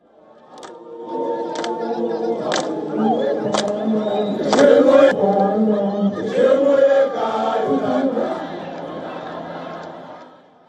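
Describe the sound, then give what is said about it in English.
A large crowd at an anti-illegal-immigration protest in Johannesburg, South Africa, chants and sings together in sustained voiced rounds, fairly loud, with sharp claps or clicks cutting through every second or so. “The massive crowds gathered in Johannesburg as anti-illegal immigration protests have gained momentum.”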